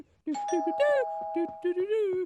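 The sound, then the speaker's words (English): A doorbell rings with a steady, sustained electronic tone lasting a couple of seconds, clear, while someone talks over it. “Someone's at the door.”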